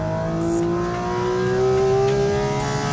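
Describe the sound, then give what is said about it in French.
A Porsche Cayman sports car engine revs steadily, heard from inside the cabin on a winding circuit at Trappes, its pitch climbing smoothly with strong harmonic tones over a constant loud drone, no voices heard. “D'ailleurs, ça fait plus de bruit que la GT3. Ah, de l'intérieur, c'est indéniable.”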